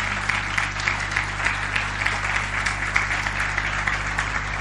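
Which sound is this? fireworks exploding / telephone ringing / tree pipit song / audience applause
audience applause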